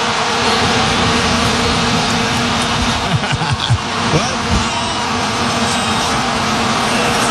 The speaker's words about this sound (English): but they are officially banning the Vuvuzela this year. You know what? That makes me sad. They said it's too annoying. It's not annoying. Listen to this. This is like listening to the crash of the waves at the ocean. It's so peaceful. Here they are.